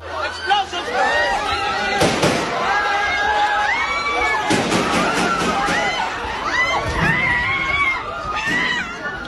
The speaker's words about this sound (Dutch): In de Senaat in de Filipijnen zijn schoten gehoord.